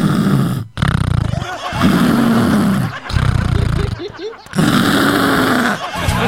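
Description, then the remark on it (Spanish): A person loudly imitates snoring with their voice, as if going to sleep: several long, rasping, throaty snores in a row, each separated by a brief pause, sounding exaggerated. “Mira, ya son los que ustedes van a trabajar, nosotros vamos a roncar, vamos a dormir. Así.”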